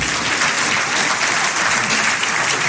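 A crowd applauds a piece of advice steadily, a dense wash of many hands clapping at once, loud, sustained without pause for the whole few seconds.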